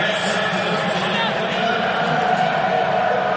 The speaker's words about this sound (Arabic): ريان شرقي سيدخل بديلا، مباراة فيها تبديل آخر في تشكيلة فرنسا. دويب غادر أرضية الملعب، ريان شرقي يشاهد كيف تستقبل الجماهير الفرنسية دخول اللاعب ريان شرقي.